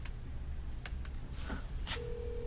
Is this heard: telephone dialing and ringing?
yes